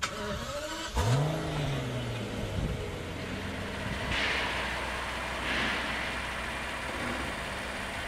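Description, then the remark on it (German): A Rolls-Royce car engine starts up with a quick rising rev, then settles into a steady low idle and rumble as the car is driven slowly into its place for air freight loading, with faint hissy bursts in the background. “Wenn ich keinen Schaden sehe, steige ich ein, fahre das Auto in dem entsprechenden Platz und mache den Flug bereit.”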